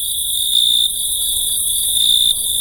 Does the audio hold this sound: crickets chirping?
yes